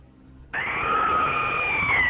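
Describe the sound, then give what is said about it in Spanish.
A single high-pitched frightened scream bursts in suddenly after a brief quiet moment and holds steady and loud for over a second before trailing off slightly at the end. “más bien manda tu audio gritando, un gritito acá de miedo como este, mira.”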